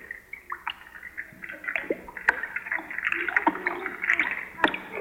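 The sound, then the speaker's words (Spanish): Bubbly bath water gurgles and splashes as someone takes a bubble bath, a steady busy patter of pops and trickles with a few sharper sloshes scattered throughout. “El sonido del baterista estaba tomando un baño con burbujas y todo.”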